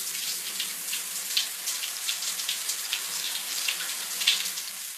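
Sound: running shower water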